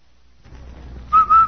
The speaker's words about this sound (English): Say, Andy, did you hear that whistle? Sure do, Amos. That whistle means Rinso White, Rinso Bright, Rinso New.